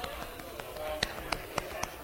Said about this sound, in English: Need a bit of crowd participation for this one. So if you wouldn't mind just, like, tapping your chest.